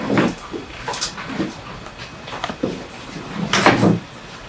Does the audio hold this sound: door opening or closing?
yes